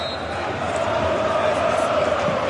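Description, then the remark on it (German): A loud, steady roar of the football crowd cheering at the Jahnstadion, where over 4000 Cottbus fans celebrate on the pitch and hug, fills the whole stretch, a dense wash of many voices with no breaks or distinct individual shouts. “weil hier wird gejubelt im Jahnstadion.”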